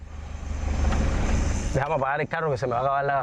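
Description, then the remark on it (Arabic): A car engine idles with a steady low rumble for nearly two seconds, then a man starts talking about switching off the engine while the motor hum continues faintly underneath. “سأفتح التطبيق لترى، دعني أطفئ المحرك حتى نحافظ على ما تبقى من وقود وأشرح لك.”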